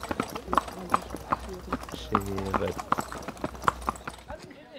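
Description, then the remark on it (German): Steady, evenly spaced clip-clop of horse hooves from a horse-drawn carriage in Medo, used as a taxi to the fire station, with a brief tonal, voice-like sound partway through and low background rumble, ending abruptly. “Mit Pferdegespannen haben sie es in Medo.”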